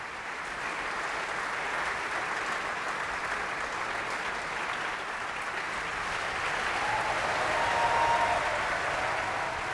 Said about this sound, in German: Und jetzt ist sie zusammen vor dem Vorhang mit dem heutigen Siegfried Klaus Florian Vogt. Hand in Hand verbeugen sie sich vor dem Bayreuther Publikum und empfangen den Applaus der Menge.